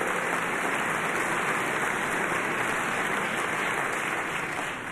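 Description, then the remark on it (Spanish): A concert audience applauds a drummer in a dense, continuous wash of clapping that stays steady and fairly loud for the whole stretch, with no voices rising above it. “Please give a warm round of applause to ….”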